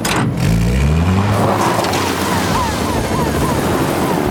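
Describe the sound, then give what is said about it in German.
Sam starts the motor of the fire engine Venus on the sandy beach of Pontypandy Island and accelerates, its low growl climbing in pitch, then settling into a loud, steady roar with a rough, gritty edge. “Sam steigt aus, löst die Transportgurte, startet den Motor und gibt Gas.”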